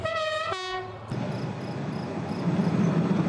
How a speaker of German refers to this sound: Mittlerweile ist der Zug in seiner höchstgelegenen Station angekommen, Vizzavona, auf 906 Metern.